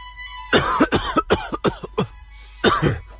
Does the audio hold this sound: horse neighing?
no